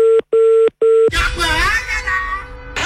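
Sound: telephone dialing tones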